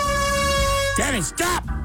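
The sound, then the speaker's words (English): A loud, steady blast from a compressed-air can air horn in a studio holds for about a second, then cuts off as a person's voice breaks in with a quick shout. “Because the last time there was a can of compressed anything in the studio, it was an air horn”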